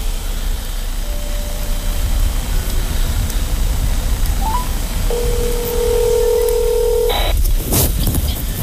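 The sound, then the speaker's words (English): Telephone tones over a steady hiss as a phone call is placed: a few short beeps, then a sustained two-pitch tone lasting about two seconds before cutting off, followed by a brief burst of noise. “We are going to do an actual phone call.”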